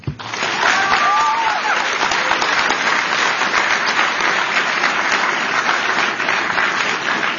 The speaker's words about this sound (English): Can we get a bipartisan round of applause for Secretary Kennedy and the diverse group of medical and advocacy groups who are working together to combat special interests and deliver transformational food reform?